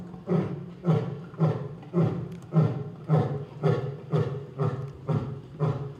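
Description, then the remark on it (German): A male lion roars in a steady series of deep, throaty grunts, about eleven evenly spaced bursts, loud, with no voices present, marking its territory acoustically. “Der markiert jetzt sein Revier, das Löwenbrüllen.”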